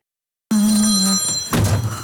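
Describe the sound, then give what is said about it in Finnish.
A phone rings once for an incoming call with a bright, bell-like electronic tone, loud, then a short clunk and rustle follow as if the handset is picked up. No one speaks. “soittaa. Halo?”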